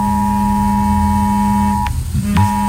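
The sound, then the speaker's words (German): A loud, harsh mobile phone emergency alert tone blares steadily, a buzzing mix of low and high pitches, briefly cutting out twice near the end before resuming. “Genau, die Sirenen dürften da wohl das Auffälligste sein, aber auch unsere Handys werden wieder einen Alarmton abgeben. Den kennen wir ja mittlerweile schon, der klingt so.”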